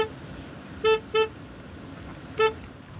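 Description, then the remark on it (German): Three short car horn honks from the back of a cattle drive, two in quick succession followed by a third after a pause, over a low background rumble. “Ah, Mann, der soll mal aufhören zu hupen da hinten.”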